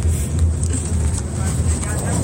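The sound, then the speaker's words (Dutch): Steady low rumble and road noise from inside a moving bus, continuous and fairly loud throughout, with faint muffled voices of students blending into the drone. “daar ben je nog even in de bus. Met veel achtergrondlawaai, maar je bent goed te verstaan.”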